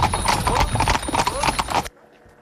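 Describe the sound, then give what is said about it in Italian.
Horse hooves clip-clop in a quick, steady rhythm as a horse-drawn carriage passes at Tenuta Balli in Bioggio, loud, before the sound cuts off abruptly to near silence. “E magari chissà che non vi scappi anche una gita su una carrozza.”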